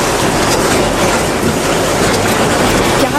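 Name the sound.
train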